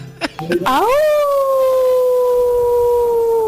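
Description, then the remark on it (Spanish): A few brief vocal bursts lead into a loud, long wolf howl that swoops upward and then holds a steady, slowly sinking tone to the end. “Enjaulen a ese lobo que se ha suelto.”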